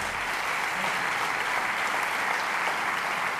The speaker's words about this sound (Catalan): I bueno, un fort aplaudiment per Lluís Naval a la bateria. Giuseppe Campisi al contrabaix. I Roger Santacán al piano.